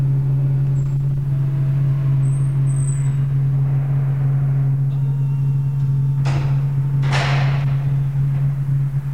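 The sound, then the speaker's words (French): A steady low mechanical hum drones throughout, then, after an entry code, the door of a child psychiatrist's practice in the 14th arrondissement of Paris is pushed open with two short scraping, rattling bursts near the end. “Et nous poussons la porte.”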